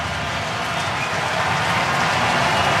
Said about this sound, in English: Well, listen to the crowd roar, and it's well deserved.